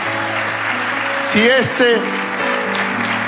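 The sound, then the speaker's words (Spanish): A crowd applauds steadily for a few seconds with dense, continuous clapping, while a voice rises over it with a brief gliding shout or cheer midway and sustained keyboard tones hum underneath. “Si ese aplauso es la expresión de tu agradecimiento, dale un aplauso fuerte.”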